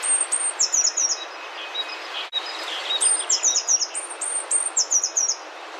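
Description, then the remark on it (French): A blue tit sings repeated bright, high-pitched phrases in quick bursts from high in holm oaks at Muro, 24 April 2024, about 5 metres away, moving from branch to branch; a clear song over a steady background hiss, with a short pause midway before the trilling phrases resume. “On s'intéresse aujourd'hui à la mésange bleue.”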